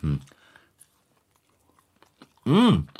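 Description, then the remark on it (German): Soft chewing of a breakfast containing oats, dried fruit and something creamy, with faint sporadic wet mouth clicks, followed by a short loud voiced exclamation from the eater. “Schmeckt ein bisschen wie Müsli. Oh. Und wird beim Kauen im Mund mehr.”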